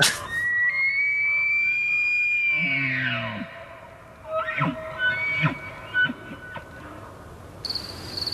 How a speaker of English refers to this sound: I think we've got a moose call that we can use here for reference. I would like to hear it and see if it stands the hair on the back of my neck up.